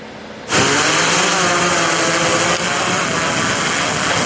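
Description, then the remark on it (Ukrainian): A small border-guard reconnaissance drone with a daytime camera takes off to patrol the border of Vinnytsia region, Ukraine: its motors spin up abruptly after a brief quiet moment, settling into a steady, loud high-pitched whine and buzz that holds for several seconds with no talking. “За лічені секунди дрон із денною камерою вже у небі.”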